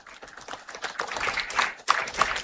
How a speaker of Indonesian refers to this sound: Selamat datang Wakil Presiden Republik Indonesia, Bapak Gibran Raka Buming, pada upacara pembukaan Besperawi Nasional 14 tahun 2026 di Manokwari. Tepuk tangan lagi sekali.